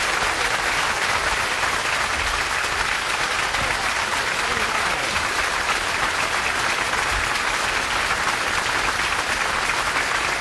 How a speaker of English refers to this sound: Thank you very much. I know that makes the kids very happy. They came a long way to hear your wonderful, warm applause.